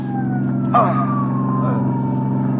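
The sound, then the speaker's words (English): An ambulance siren wails with a slow falling pitch over a loud, steady engine rumble, continuous throughout, as the ambulance is being pursued and signalled to stop. “Pulsey, tell the driver to stop this ambulance.”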